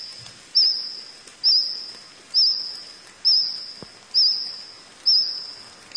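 A cricket sings alone, sending out high, even chirps roughly once a second over a thin continuous high-pitched trill, steady and moderately loud throughout.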